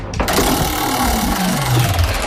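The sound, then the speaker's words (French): A roulette wheel spins with a loud, continuous whirring rattle, its mechanical hum sliding steadily lower in pitch as it winds down over about two seconds. No one speaks. “On lance la roulette.”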